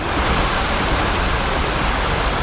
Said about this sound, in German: Beim heutigen Arbeitsrundgang durch den Volkspark liegt ihr Fokus auf den Wasserstellen. Erste Station, der kleine Teich. Mit einer stattlichen 10-Meter-Fontäne in der Mitte.